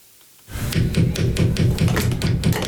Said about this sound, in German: Wenn man dagegen klopft, nicht, ne? Die funktioniert sowieso nicht.